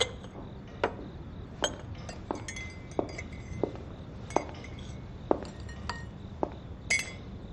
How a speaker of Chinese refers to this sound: 给陈太太倒杯茶。